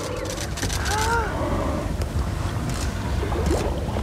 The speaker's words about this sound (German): Aber jetzt ist erstmal Spannung hier auf unserem Boot. Wir laufen zur Reling und schauen gebannt aufs Meer. Viele haben ihre Handys gezückt. Wal voraus. Ist das ein Orca?